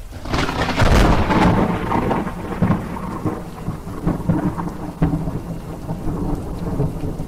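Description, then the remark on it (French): Thunder rumbles loudly at the start, then rolls on in low waves beneath steady falling rain, with a few sharper cracks and patters scattered through the downpour. “Le tonnerre gronde aujourd'hui, prudence cet après-midi et patience, on annonce de la fraîcheur pour demain vendredi.”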